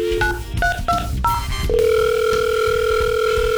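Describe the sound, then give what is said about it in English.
A quick run of telephone keypad beeps gives way to a steady electronic ring tone on the line as KCLD radio calls a Papa Murphy's prize winner, fairly loud, with a low background bed underneath. “Hopefully, if your phone rings with KCLD and Papa Murphy's.”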